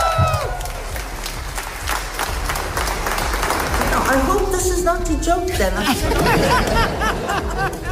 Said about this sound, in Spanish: Sus primeras palabras tras recibir el Nobel de la Paz son estas: no me aplaudáis tanto o terminaré compartiendo el premio con Trump